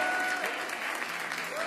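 Steady, dense applause from a large crowd fills the whole moment, loud and continuous, with a faint whistle-like tone briefly rising above the clapping.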